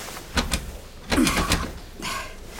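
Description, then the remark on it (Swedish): The handle of the boss's locked office door is tried repeatedly, with a few quick metallic rattles and clunks as the door holds shut. No voices. “Och dörren är låst.”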